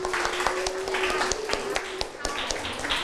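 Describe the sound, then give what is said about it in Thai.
A classroom of students clapping for group 5 after their correct answer to question 1, a loose, uneven burst of applause, with scattered voices and a faint steady hum underneath. “คนอื่นที่ทำข้อ1ถูกต้องไหมครับถูกต้องใช่ไหมครับปรบมือให้กลุ่ม5หน่อยครับ”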